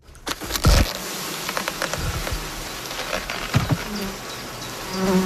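A dense, continuous hum of many honeybees buzzing inside a beekeeper's hive as they crawl about, make wax, tend brood and clean cells, steady, with occasional louder individual bees and faint clicks and rustles beneath.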